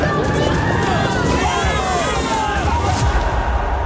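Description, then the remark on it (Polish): A large crowd of people running as they flee war, with dense overlapping voices and shuffling, hurried footsteps forming a loud, steady roar, broken by a brief sharp burst near the end. “A to ucieczka przed wojną.”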